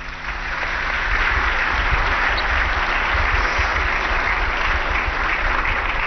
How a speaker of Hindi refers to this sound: हमारे प्रधानमंत्री जी का स्वागत करें। एक बार जोरदार तालियां।